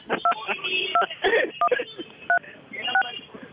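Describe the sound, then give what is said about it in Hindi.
Short two-tone keypad beeps from a mobile phone sound in an irregular sequence of about six presses, each a crisp electronic chirp, over a continuous bed of muffled voice and background noise. “अगर आपको इस सबसे मजा आया हो तो कृपया दबाए 5,07,339”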